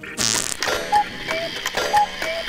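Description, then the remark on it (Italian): Creaky mechanical clicking and whirring repeats in a steady cycle about once per second, like the gears of an old clock mechanism, moderately loud with no voices. “Escono e rientrano, escono e rientrano, e fanno un rumore di orologio vecchio!”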